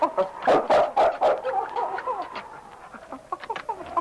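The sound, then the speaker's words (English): Sergeant Preston's dog King whines in high, wavering cries while his claws scrape in quick bursts against a cabin door, the scratching strongest early before the whimpering trails off softer. “He whined and scratched at the door.”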